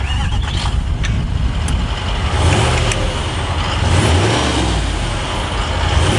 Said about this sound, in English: Well, that is a Range Rover V8 engine firing up. But that sound might die out as Range Rover has launched its first fully electric model.